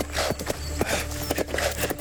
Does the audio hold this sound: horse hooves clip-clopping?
yes